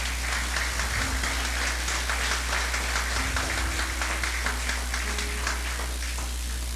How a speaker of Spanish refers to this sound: Gracias, Monseñor, por celebrar con nosotros esta salve. Un aplauso para Monseñor.